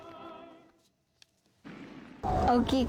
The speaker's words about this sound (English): Around 2,300 fireworks were set off in tribute to athletes who delivered impressive performances in sporting events this year, including the Winter Olympics and the Men's Soccer World Cup.